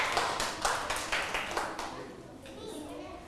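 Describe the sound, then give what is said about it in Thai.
Students clap together for group 5, a burst of scattered applause with repeated sharp hits for a couple of seconds, then fading into quieter murmuring and background voices. “เดี๋ยวเรานะคะจะรอดูผลงานของกลุ่มที่5ว่าเสร็จสมบูรณ์แล้วจะมีลักษณะเป็นอย่างไรปรบมือให้กลุ่มที่5หน่อยค่ะ”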